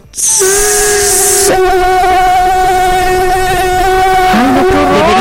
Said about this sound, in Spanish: Deberíamos de traer a alguien que explique el sonido del mosquito. Sí, es perturbador. Ahí lo tenemos.